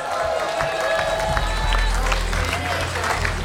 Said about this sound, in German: Applaus!